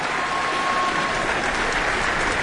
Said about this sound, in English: And Elena Schwartz holds the score to the work up high. That brought that extra round of applause there. Brandished it well above her head to the audience here.